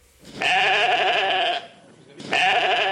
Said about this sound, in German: Ein blökendes Schaf. Nichts Besonderes möchte man meinen. Und doch hat genau dieses Schaf vor 30 Jahren die Wissenschaft auf den Kopf gestellt.